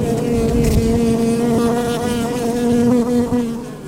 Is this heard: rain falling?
no